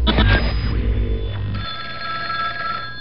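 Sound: telephone ringing effect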